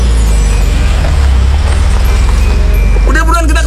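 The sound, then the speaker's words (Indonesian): A steady low rumble of idling engines and road traffic in a traffic jam on the way to the airport fills the scene, with a voice briefly speaking near the end over the continuous vehicle drone. “Kok ada macet-macetan gini? Cepet dikit bisa gak sih?”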